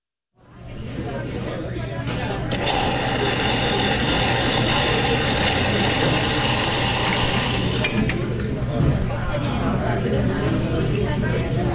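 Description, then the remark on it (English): An espresso machine at a cafe at 6:45 on a weekday morning runs with a steady low mechanical hum and gurgling flow, joined midway by a bright, buzzing pump whine for several seconds before it cuts off, with indistinct voices underneath. “Cozy atmosphere and the sound of the espresso machine greeting us at 6:45 today, as it does every weekday morning at this time for Classical King's Morning Shot of Espresso, a moment when we stop off at the cafe and get a little musical pick-me-up,”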